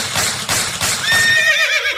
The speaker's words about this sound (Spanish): Luego, al llegar al rancho, se montó en su caballo y se fue para los cafetales.